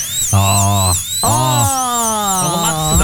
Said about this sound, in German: Dieser Bohrer beim Zahnarzt.